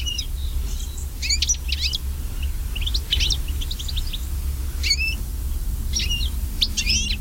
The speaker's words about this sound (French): Si on prend un autre oiseau qui est commun, le chardonneret élégant, qui est tel oiseau en fait des jardins qu'on avait un peu partout dans Noël, lui décline fortement aussi, on est sur moins 37% en Nouvelle-Aquitaine sur les 25 dernières années.